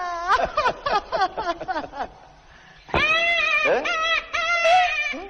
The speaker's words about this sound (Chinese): 老东西，果真是个婴儿的哭声。